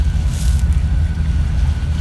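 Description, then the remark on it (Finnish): Waves lap gently at a seashore in light sea fog and humid air against a steady, low outdoor rumble, with a few soft splashy bursts early on and no voices. “Ei oikeastaan mitään muita ääniä kuulu kuin laineiden liplatus.”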